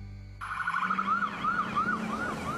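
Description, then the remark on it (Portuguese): An ambulance siren kicks in abruptly and wails in quick rising-and-falling sweeps, loud, over a low steady rumble like a moving vehicle, with no voices. “Em Mato Grosso, quem está na ambulância não pode perder tempo enfrentando estrada esfarelando e cheia de buracos.”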